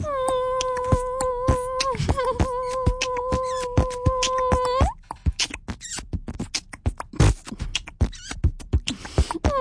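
A person claps their hands very fast on the Kick 98 radio show, a rapid, uneven patter of sharp claps, joined by a steady tonal hum for the first half before the claps continue alone.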